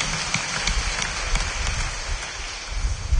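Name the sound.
audience clapping hands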